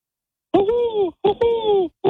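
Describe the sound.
A voice imitates a hooting owl with two long, wavering hoots, each briefly broken, and a third starting at the end, sustained and tonal with a moaning quality.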